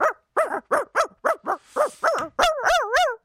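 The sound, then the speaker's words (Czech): A person imitates a real dog, letting out a quick run of about nine sharp barks, then ending with a few longer, wavering whiny yelps. “Já nedělám Žerika, já dělám opravdického pejska.”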